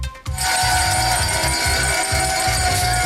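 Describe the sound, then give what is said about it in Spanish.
The Wall Street opening bell in New York, rung for SpaceX's stock market debut, rings in a rapid, continuous clatter of repeated strikes. It is layered over a dense wash of loud applause from Elon Musk and his company's workers that fills the whole clip. “Es el tradicional sonido de la campana en la apertura de Wall Street y aplausos de Elon Musk y trabajadores de su empresa.”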